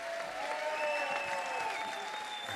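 Dense, steady audience applause from many hands, holding at an even loudness throughout, with a few thin sustained high tones like whistles running over the clapping.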